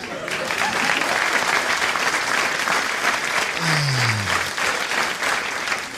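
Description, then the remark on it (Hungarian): Steady audience applause fills the whole recording, a dense wash of many clapping hands at an even level with no clear break, and a brief low gliding tone sliding downward partway through. “Csajod azt tapsolt különben, azért szólok, hogy tudjál róla.”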